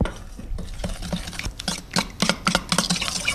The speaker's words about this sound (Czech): Úplně nakonec se perníčky ještě potřebují rumovou polevou. Na tu polevu potřebujeme moučkový cukr, přidáme tuzemák, trochu vody, promícháme.